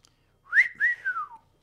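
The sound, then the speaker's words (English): A single human whistle, a clear tonal sweep that rises, holds, then glides downward over about a second, alone with no talking. “At least I got one whistle.”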